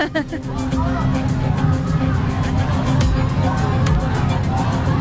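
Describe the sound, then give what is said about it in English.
A dense, steady roar of a protest crowd of thousands from multiple groups, many people shouting calls to action at once in an overlapping, unbroken din with occasional sharper cries rising above the mass. “You can hear all the different calls to action.”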